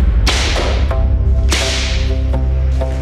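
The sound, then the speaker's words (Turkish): A whip lashes a Black slave sharply and loudly several times, with two heavy cracks and a few lighter ones at uneven intervals, over a low, steady droning background. “Etini yakan kamçıya rağmen dilindeki kelime değişmiyordu.”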